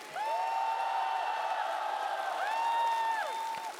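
A large audience at the show Singer 2026 applauds loudly and steadily after a song performance, with high, sustained whoops and cheers rising and holding above the clapping for about four seconds before easing off. No one speaks.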